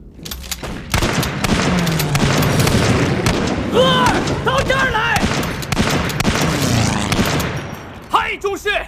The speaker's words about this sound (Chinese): 第三枪 爆炸了。